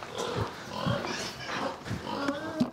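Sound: pigs grunting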